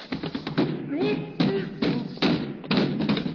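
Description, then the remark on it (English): A tumbling run of heavy, irregular thuds as someone falls down cellar stairs, loud, with a short vocal cry mixed in partway through. “Well, what do you know? I fell down the cellar.”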